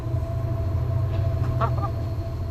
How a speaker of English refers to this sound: I can't believe earlier I was seeing this from outside, and now I'm on the bridge in a locomotive making this kind of noise.